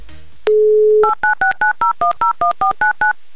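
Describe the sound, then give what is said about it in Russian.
A brief steady dial tone gives way to a quick, evenly paced run of about eleven touch-tone beeps as a phone number is punched in, loud, with no voices. A Humor FM radio host is dialing a listener's phone number on air. “Номер телефона набран. Ждем соединения.”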